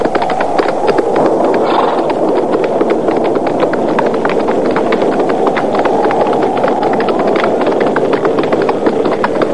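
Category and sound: animal, horses' hooves clip-clopping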